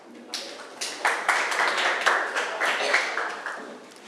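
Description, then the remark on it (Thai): A group of students in a class claps steadily for about four seconds to thank student representatives, a dense, moderately loud patter of overlapping hand claps with uneven, pulsing swells and no voices on top. “ก็ต้องขอขอบคุณตัวแทนนักเรียนค่ะขอเสียงปรบมือให้นักเรียนอีกครั้งหนึ่งค่ะ”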